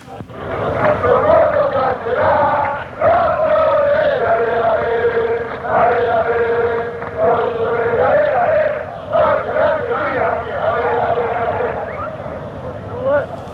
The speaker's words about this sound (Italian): Niente, questo è un coro di semplice incitamento per la squadra, uno dei tanti. La musica è stesso motivetto usato per Lino della Fossa.